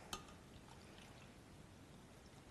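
Water pours steadily into a bowl already holding lemon juice, a soft continuous splashing trickle with a brief clink at the start, fairly quiet, with no talking.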